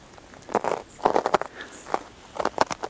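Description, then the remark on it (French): Footsteps crunch over crusted, icy snow at 1,350 metres altitude on the sunny slope of the Col des Mazels, in a slow, uneven series of crisp, scratchy bursts. No voices, with a faint high twittering chirp briefly showing between steps. “Et j'aime ce son de neige tôlé, verglacé.”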